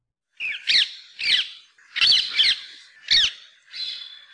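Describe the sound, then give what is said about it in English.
Harsh, screechy squawks of an introduced rose-ringed parakeet in Hawaii repeat in a rapid, uneven series of about six loud calls, clear with brief gaps between them, no voices present. “we've got the songs, or rather the squawks, of the introduced rose ring parakeet.”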